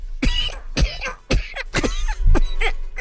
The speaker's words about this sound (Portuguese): Sua tosse está menos carregada, né?